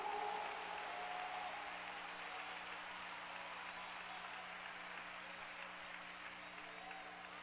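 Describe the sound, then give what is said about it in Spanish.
A crowd claps steadily for several seconds, a dense, sustained wash of applause at moderate volume that holds fairly even throughout, with faint voices mixed in. “¿Cuánto le dan un aplauso a ese que lo ha hecho?”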